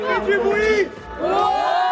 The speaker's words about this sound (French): 14 heures à Orcières, les enfants du centre de vacances, la couronne de l'ours, déchaînée en attendant la course.